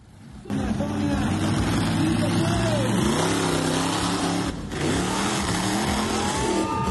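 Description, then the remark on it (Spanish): A monster truck engine roars and revs loudly at an exhibition in Colombia, its pitch rising and falling in waves, with a murmur of crowd voices underneath throughout. “Y en Colombia, una exhibición de las llamadas Monster Truck terminó en una tragedia el domingo, cuando una camioneta perdió el control y atropelló a los asistentes.”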